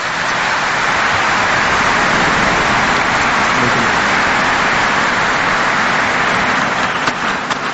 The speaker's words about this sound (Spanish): Y así como también entre los Beape Guaraña y Mebago Árape, para todos un fuerte y caluroso aplauso.